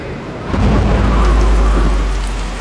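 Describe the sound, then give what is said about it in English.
Steady rain pours down on a camping trip in a Toyota trucks advert, hissing across the full range, while a deep rumble of thunder swells up underneath and rolls on for a couple of seconds before easing slightly. No voices. “Well, looks like we're camping in the rain.”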